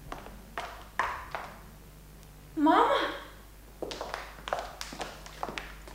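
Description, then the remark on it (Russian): A woman enters an apartment, quickly closing the door behind her with a thud, and footsteps tap across a hard floor at an uneven pace, while a woman calls out once, questioningly, partway through. “раздался звонок, и, быстро закрыв за собой дверь, вошла ее мать,”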